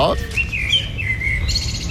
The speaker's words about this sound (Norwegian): du får lov til å ha med en fuglelyd